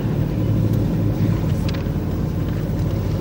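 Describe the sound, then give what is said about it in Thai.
A fishing boat engine drones steadily with a loud, low rumble and a throbbing hum, unbroken throughout, with faint wind-like hiss above and no voices. The boat was caught illegally fishing in a Thai sea zone reserved for spawning short mackerel. “เรือประมงลำนี้เป็นหนึ่งในจำนวนเรือหลายร้อยลำที่ลักลอบจับปลาในเขตที่สงวนไว้ให้พ่อแม่ปลาทูวางไข่และถูกจับกลุ่มได้”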